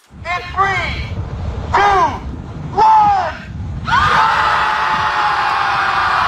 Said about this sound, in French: Ça fait en sorte qu'ils se sont retrouvés au bout de quelques semaines à 300 à côté du lac à crier.